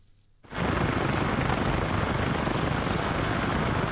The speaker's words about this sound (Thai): ผู้เห็นเหตุการณ์บันทึกภาพนาทีที่เจ้าหน้าที่เนปาลโรยตัวลงมาจากเฮลิคอปเตอร์เพื่อเข้าช่วยเหลือผู้รอดชีวิตที่ตกค้างอยู่ในพื้นที่ประสบภัยน้ำท่วมฉับพลัน